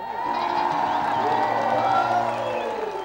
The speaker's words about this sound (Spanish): Si vamos a arreglar una ovación así, esto no es una fiesta, así que vamos a probar de vuelta. Uno, dos, tres.